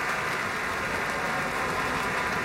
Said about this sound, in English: Continuing applause for Gabriela Montero, Alexander Shelley, and the Pacific Symphony. This was the third concert in the orchestra's 2025-26 season. More applause for Gabriela Montero, Alexander Shelley, and the Pacific Symphony.